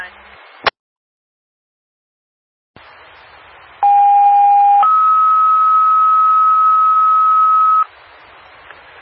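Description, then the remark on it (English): Radio dispatch paging tones over a hissy channel, dropped to call an interior driver for a man-down call at 200 Washington Street: a short, loud steady tone, then a higher steady tone held for about three seconds. Opens with a click, static, and a gap of silence. “75B4, can you drop tones for interior driver and ask 130 if they can ride this in?”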